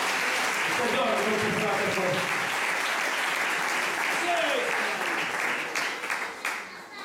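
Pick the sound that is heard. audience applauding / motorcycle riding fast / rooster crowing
audience applauding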